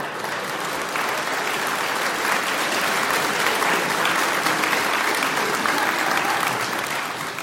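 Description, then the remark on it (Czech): Steady applause from a sizable audience fills the whole stretch, a dense, even patter of many hands clapping at moderate loudness, with no voices standing out. “Vy tleskáte ze slušnosti nějak.”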